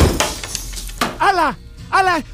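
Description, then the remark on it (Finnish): A glass table shatters in a loud crash with a scatter of sharp breaking hits, followed by two strained vocal cries. “Meidän lasipöytä meni rikki.”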